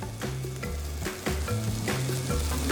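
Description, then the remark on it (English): Fish sizzles steadily on a griddle, a continuous bright hiss with scattered crackles and pops. A low, shifting tonal hum runs underneath the whole time, and no one speaks. “But for fish, though, I find that they really are good. Just gonna let them cook a little bit.”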